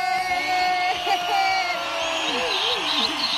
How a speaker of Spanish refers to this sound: Un aplauso para la doctora Carmen Maganda.